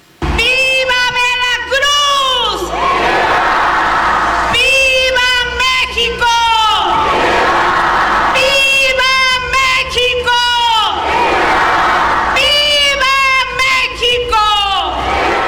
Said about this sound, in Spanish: ¡Viva! ¡Viva nuestra democracia! ¡Viva! ¡Viva la unidad de las y los mexicanos! ¡Viva! ¡Viva nuestra independencia nacional! ¡Viva! La gobernadora de Veracruz, Rocío Nahle, encabezó las ceremonias de Palacio de Gobierno de Xalapa y así fue su grito.